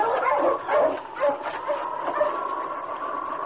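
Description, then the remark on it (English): A husky dog gives a few quick, yappy barks that slide into a steady, high-pitched whimpering whine, fairly loud and continuous, with no one speaking. “Bless you, Husky!”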